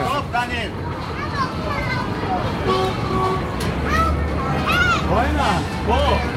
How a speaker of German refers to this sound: Das ist mal ein Autorennen. Das ist mal so gemütlich, hätte ich das Auto, wenn Autofahren wirklich so gemütlich wäre, hätte ich auch einen Führerschein gemacht.